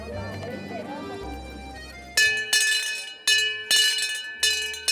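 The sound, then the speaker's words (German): A town crier's hand bell rings loudly and repeatedly in bright, clanging bursts, roughly four swings in quick succession, following a stretch of low, murmuring background sound; the crier goes around the island of Föhr by bicycle with the bell, calling out news. “Nach alter Tradition geht er mit Fahrrad und Glocke über die Insel und ruft Neuigkeiten aus.”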